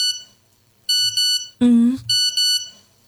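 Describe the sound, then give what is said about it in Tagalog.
A cellphone rings with a repeating electronic ringtone, bright, high-pitched tones in several short bursts. A brief, louder burst of sound cuts in between the rings. “Tingog sa cellphone.”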